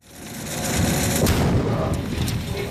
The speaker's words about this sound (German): Ein Minenräumer von Digger wühlt sich durch den Boden, trifft auf eine Mine, eine Explosion. Der Minenräumer wühlt weiter, als wäre nichts geschehen.